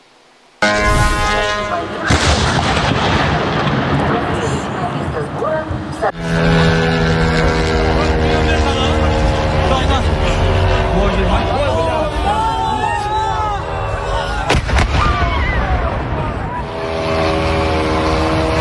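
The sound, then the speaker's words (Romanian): A loud, droning engine whine of explosive-laden Ukrainian drones passes overhead with shifting pitch, broken by several sharp bangs as they explode over employees of a Russian online retail company in Russia, while agitated voices murmur and shout in the background. “Angajații companiei rusești de comerț online au văzut cum drone venite de la sute de kilometri depărtare zboară pe deasupra lor și explodează.”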